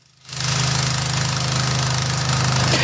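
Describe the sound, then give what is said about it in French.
A loud diesel tractor engine kicks in and runs steadily, with a deep throbbing rumble and a rapid knocking pulse that holds constant to the end, a tractor seen during efforts to fight a forest fire. “alors on a pu voir un tracteur, on imagine que les agriculteurs sont également mobilisés avec des tuyaux d'arrosage, avec des seaux, avec des arrosoirs.”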